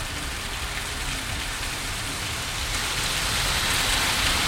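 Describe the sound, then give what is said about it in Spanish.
Heavy rain pours down steadily outside, a dense, loud hiss of countless drops drumming on surfaces, growing slightly stronger toward the end with no voices present. “me dice que no escucha nada porque es tan fuerte la lluvia.”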